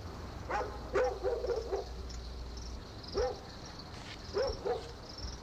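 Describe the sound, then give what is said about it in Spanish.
Dogs bark at night in short, scattered bursts: a quick run of yaps, a pause, then a single bark and a final pair, over a low steady background rumble. “Una de esas noches, ya cansada de los ladridos, la mujer exclamó: ¿Cómo ladran estos condenados perros?”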